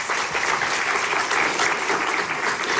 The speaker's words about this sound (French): Et je vous propose qu'on les applaudisse aussi.